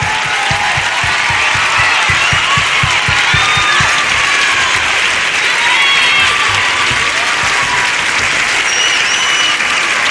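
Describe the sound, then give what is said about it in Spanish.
A large crowd gives loud, sustained applause for a band after a live song, with steady rhythmic clapping in the first few seconds and scattered high whistles and cheers over the dense roar. “¡Fuerte el aplauso para la banda!”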